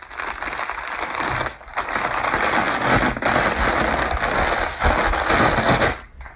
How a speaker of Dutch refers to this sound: Het ontrollen of afrollen van patroonpapier, zodat ik een patroon kan tekenen.